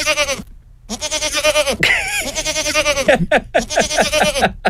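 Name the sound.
goat bleating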